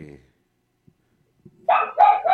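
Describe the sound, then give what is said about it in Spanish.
A dog barks three times in quick, rapid succession, loud, following a fragment of a voice and a short near-silent pause. “Cierra la puerta para nuestro perro.”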